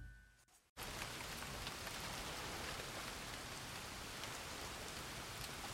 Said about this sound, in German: Ein Glück. Der Regen lässt nach.